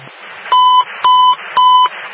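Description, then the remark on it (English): Three loud, steady electronic alert beeps, each a short sustained tone at an even pace, a Buffalo Fire dispatch alert over a radio channel with faint static in the gaps, sending Engine 35 to 865 Elk, between Melvin and Seneca, for a report of a wire hanging. “New alarm. Engine 35 responds.”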